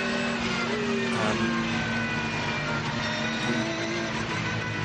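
A race car engine drones loudly and steadily throughout, with a sustained low growl and sharp harmonic whine that shifts slightly in pitch as it revs.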